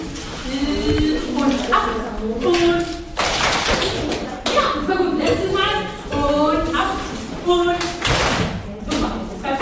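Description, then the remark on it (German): A group of children at a children's conference claps a rhythmic pattern together, sharp repeated claps in bursts, with young voices chattering and calling out over and between the claps. “Eines könnte er sich vielleicht auch von der Konferenz der Kinder mitnehmen. Ein Klatschrhythmus, falls mal Unruhe im Stadtrat aufkommen sollte.”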